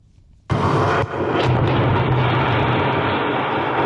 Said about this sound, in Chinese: 几天前，在湖北宜昌三峡枢纽新通道施工现场，随着最后一爆顺利启动，作为施工准备试验工程的三峡枢纽新通道先行开挖区完成全部爆破开挖作业。